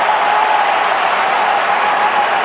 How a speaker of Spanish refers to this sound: Gran ovación para Dani Olmo.